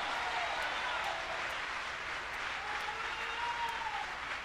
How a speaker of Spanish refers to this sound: Vamos a aplaudirle al Señor ahora.